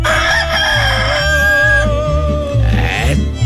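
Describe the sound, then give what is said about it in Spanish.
A rooster crows at 5:21 in the morning in one long, wavering, strained call lasting about three seconds, loud, over a steady low rhythmic thumping in the background. “Ya está cantando el gallito, ya está cantando el gallo.”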